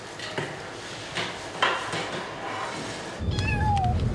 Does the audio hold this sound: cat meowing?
yes